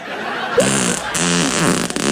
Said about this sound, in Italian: Ha sentito che bomba, ecco, che mi è uscita dal culo?